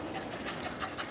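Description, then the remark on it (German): A search dog trained mainly on suitcases and bags pants rapidly and steadily during a search in which it found nothing on its own, a breathy rhythmic huffing with quick bursts of airy noise, fairly loud and with no voices over it. “Der Hund hat von sich aus nichts gefunden.”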